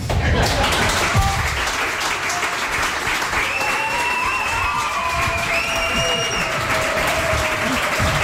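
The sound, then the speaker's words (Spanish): A crowd in the CaixaBank space applauds loudly and steadily, welcoming the resumption of a radio program recorded for later broadcast, with dense clapping filling the whole stretch, mixed with cheers and whistles rising above it as the ovation continues. “recibidos en este reemprendimiento del programa con esta ovación tan espontánea.”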